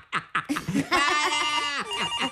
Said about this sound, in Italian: Ecco che squilla il telefono.